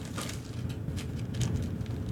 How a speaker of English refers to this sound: It's raining out there.